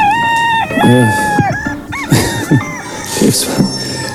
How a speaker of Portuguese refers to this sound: Está o galo a cantar, está o galo a cantar.